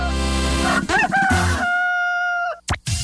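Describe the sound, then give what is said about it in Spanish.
A rooster crows once, loud, a strained rising call that holds a long, steady final note before cutting off. A short burst of noise follows, and no one speaks. “Avícola Caspar, más gallos que cualquiera.”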